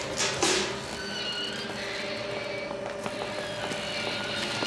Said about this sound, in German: Hast du den Hubschrauber gesehen? Na klar.